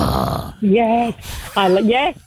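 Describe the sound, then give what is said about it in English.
A person imitates a Staffordshire terrier with two deep, gruff, drawn-out woofs, each about half a second long and fairly loud, separated by a short pause. “And if it's like a staffy, it's like.”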